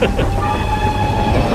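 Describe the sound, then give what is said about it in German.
A train bound for Boston rolls along the rails as it leaves the Pittsfield tunnel on a steep downhill, a loud, steady rumble with a thin metallic whine running over it throughout, with no pauses or distinct clacks. “Doch als der Zug den Tunnel verließ”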